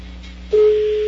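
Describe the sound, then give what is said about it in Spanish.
A telephone rings with a single steady electronic tone that starts about halfway through and holds loud and clear to the end, over a faint background hum, with no talking. “Ha sonado el teléfono.”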